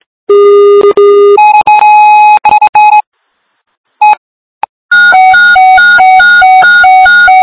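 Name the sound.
fire dispatch alert tones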